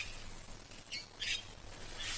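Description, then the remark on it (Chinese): A Cape parrot lets out a few harsh, scratchy squawks in quick succession, fairly loud, over a steady low background rumble with no talking. “好望角鹦鹉只需吃上两三颗就饱了。”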